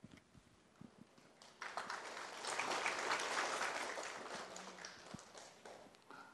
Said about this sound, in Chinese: 掌声应该可以更热烈一点，表达我们的期待。